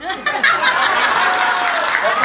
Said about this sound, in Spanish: Y ahora procede a coronar a la reina de la Alianza A. ¡Un aplauso!